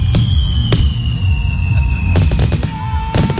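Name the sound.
fireworks exploding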